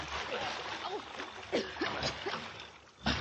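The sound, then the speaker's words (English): A body splashes into the water of a ditch about 20 feet wide, followed by churning and sloshing as it thrashes around, with a loud burst of splashing near the end. Vocal sounds mix in with the water noise. “Now, come on, let's get across that ditch. In the water? No. I will not do it. I will not go into the water.”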